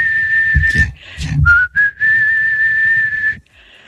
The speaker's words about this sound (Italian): Fischio. Fischio.